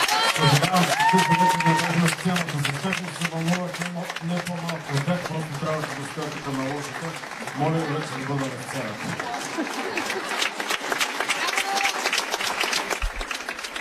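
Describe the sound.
An audience applauds steadily at the end of a concert broadcast live from the Dom na Kulturata NHK in Burgas, a dense, continuous patter of clapping lasting the whole stretch, while a man's voice speaks loudly over it for most of the first part.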